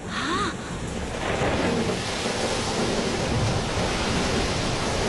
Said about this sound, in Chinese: 上世纪40年代，马来西亚关丹港外海电闪雷鸣，巨浪滔天。